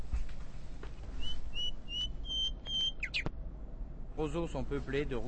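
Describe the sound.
Pet birds whistle and chirp in a run of short, repeated high tones and a few quick downward sweeps, over a steady low hum, before a person starts speaking near the end.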